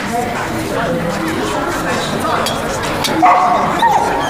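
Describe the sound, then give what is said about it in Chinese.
A dog barks and whimpers amid the overlapping chatter of people gathered for a meeting, with a thin, high whine rising near the end over the steady background voices. “把一个烂怂狗弄出去。这开会呢，成何体统？”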